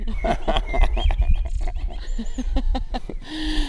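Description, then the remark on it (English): Real blackbirds singing outdoors by the Oxford Canal, short whistled phrases rising over a busy, crackling background of clicks and rustles, with a low steady rumble throughout. “These are not robot blackbirds, are they? No, these are real regular blackbirds.”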